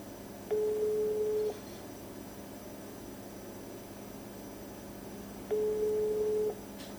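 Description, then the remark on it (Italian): An outgoing phone call rings unanswered: two steady, mid-pitched ringback tones, each about a second long and spaced several seconds apart, over a constant low background hum. “Non risponde.”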